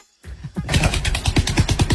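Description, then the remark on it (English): A hippo flicks its tail while defecating, making a rapid, loud run of wet slapping and splattering bursts that beat steadily like a motor for about two seconds. “You know where the hippo poos and whips it round with his tail?”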